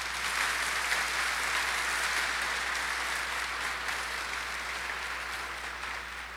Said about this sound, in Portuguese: Nossa Senhora merece uma salva de palmas, não é, gente?